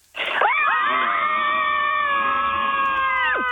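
Several women scream together at full voice in one sustained, loud burst lasting a few seconds, their overlapping high pitches wavering before cutting off abruptly, as radio listeners join a Scream Club on the count of three.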